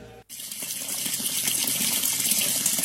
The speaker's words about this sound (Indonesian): Eh, itu keran kenapa nyala mulu?